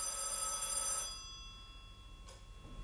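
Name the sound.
telephone bell ringing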